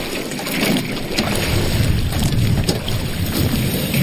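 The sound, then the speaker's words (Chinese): A boat churns through freshly opened water, making waves to slowly break up the thin ice, a steady loud rush of water and engine rumble mixed with buffeting wind, with no talking. “造浪，这个是波浪就能把这冰慢慢地撅开了。”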